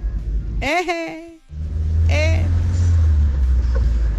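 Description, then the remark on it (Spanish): A Volkswagen Beetle engine idles with a deep, steady rumble. It cuts out briefly near the start, then resumes. Two short voice-like bursts rise over the engine noise. “Oye, pues me graban el carro. Todavía no sé yo dominar ese lenguaje de bochos, chamacos.”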